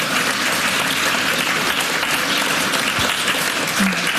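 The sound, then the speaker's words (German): Steady, dense applause from an audience, a loud continuous wash of many hands clapping at an even level throughout, with no voices standing out. “Ja, ein Applaus.”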